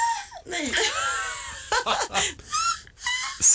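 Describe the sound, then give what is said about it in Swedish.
A human voice imitates a black-headed gull (skrattmås), number four in a list of imitated bird calls: a run of harsh, squawking cries with sliding, strained pitch, delivered in several loud bursts separated by short breaks. “Skrattmås. Alltså, det finns förbättringspotential på den där.”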